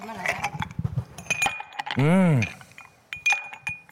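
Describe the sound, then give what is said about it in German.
Several bright, brief clinks of ice cubes knocking against a glass, fairly crisp, with a short drawn-out vocal sound rising and falling midway through. “Einen Eiswürfel ins Gesicht. Das klingt gut. Ja, Eiswürfel.”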